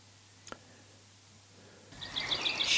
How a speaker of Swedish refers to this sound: Hör du fågelsången i bakgrunden?